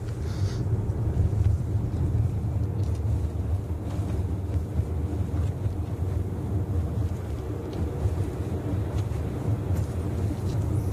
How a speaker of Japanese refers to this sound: 今車をですね、東に向けて走らせてますが、ちょうど今ですね、長野から山梨県北杜市に入りました。